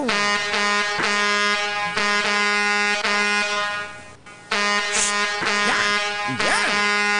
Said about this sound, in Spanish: ¡Saluditos allá para mis amigos de Alba Sur, que ya pasaron tocando claxon! ¡Ya pasaron los piperitos, pues, al 100! ¡Ahí pasaron, ve, con cu-cu-cu-cu-cu!